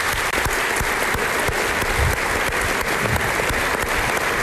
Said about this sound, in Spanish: Así que si me acompañan en un aplauso, yo creo que te lo mereces.